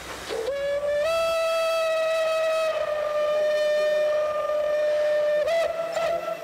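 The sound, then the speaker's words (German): A steam locomotive whistle blows one long, steady, loud blast with a rich harmonic tone, rising briefly at the start and wavering slightly near the end, with no voices over it. It is the historic Austrian steam locomotive 310, over 100 years old, from the Strasshof Railway Museum in Lower Austria, shown by its crew at a railway festival. “Voller Stolz präsentiert die Dampflok-Crew aus Österreich ihre alte Dame.”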